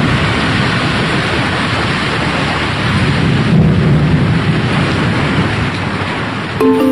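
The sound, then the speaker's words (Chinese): Loud, sustained thunder rumbles continuously at night in an ancestral shrine, a deep broad roar that swells slightly midway and carries on without a break, with no voices present. “据说呀，那颗宝珠放在祠堂之后，每天晚上啊这祠堂里就会传来大雷声，而且不久之后这颗宝珠又突然失踪了。”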